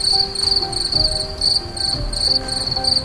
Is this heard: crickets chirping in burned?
yes